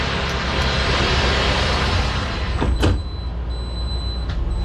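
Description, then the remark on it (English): A vehicle's big sliding glass doors glide shut with a whoosh and soft thump on a manufacturing plant floor, cutting a loud, steady background rumble from the working shop down to a quieter hum; a faint click follows near the end, with no voices. “It looks sleek, like one of Amazon's all-electric delivery trucks, except with big sliding glass doors. You might want to record this part. You can listen how good these doors work.”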